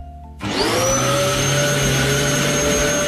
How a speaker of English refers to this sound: Do you know what that is? Yeah, it's a vacuum.